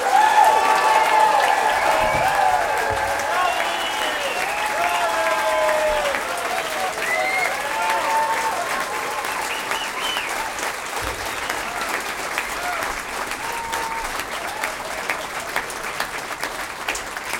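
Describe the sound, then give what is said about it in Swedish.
A large audience applauds a string orchestra loudly and steadily for about seventeen seconds, with dense clapping and shouts and cheers rising over it at the start before it settles into even applause. “den varmaste och största och högljuddaste applåder för den här stråkorkestern!”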